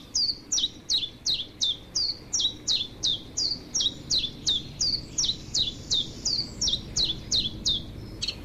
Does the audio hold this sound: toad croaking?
no